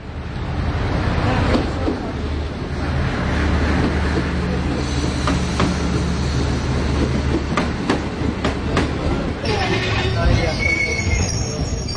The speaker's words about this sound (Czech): Ekspresni vlak s prvog programa stigao je na prvi peron, prvi kolosijek. Putnike na odlasku molimo da uđu, a putnike na dolasku da iziđu iz vlaka.